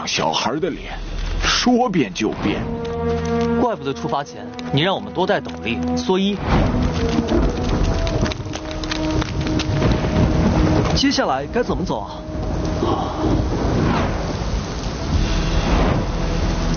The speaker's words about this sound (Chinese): 不好，要下雨了。这草地的天就像小孩的脸，说变就变。